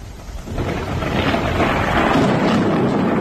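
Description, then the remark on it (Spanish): A deep, rolling rumble of thunder swells after the first half second and holds steady and loud, a broad low roar with a hiss of rain or wind on top, during a Saturday morning storm with lightning, showers and hail in the province of Alicante. “Ha sido el sonido de la mañana.”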